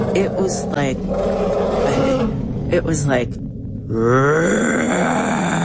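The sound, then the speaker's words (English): A person says a few words, then imitates with their voice an elephant's roar that came out of a forest: a loud, drawn-out, groaning bellow that rises and wavers, breaks off briefly, then swells again. “And in that silence, out of the forest to my right, came this roar. I have never, ever, I didn't even know that elephants could make this sound.”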